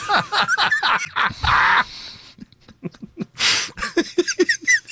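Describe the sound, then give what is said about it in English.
A voice imitates a bird call with a quick run of chirpy, warbling notes and two breathy, raspy squawks, fairly loud, with no real words. “That may be the best bird of 2026.”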